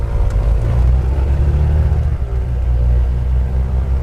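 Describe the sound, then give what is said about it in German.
A small aircraft engine roars loud, a deep droning rumble as the pilot revs the motor on the small airport of Lampedusa, holding steady for several seconds with a brief dip midway, with no voices. “Als wir endlich alle im Flieger sitzen, lässt Mirko den Motor aufheulen.”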